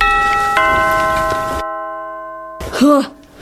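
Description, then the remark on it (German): A doorbell chimes with bright, sustained ringing tones, struck a second time as the first fades. After a short silence, a person's voice speaks briefly. “Ich klingel jetzt auch nochmal.”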